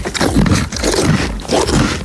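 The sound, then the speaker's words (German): A horse at a horse farm chews bread greedily, loud crunchy grinding bites coming in a steady rhythm of about four bursts over two seconds, with no voices. “Da ist sie richtig gierig.”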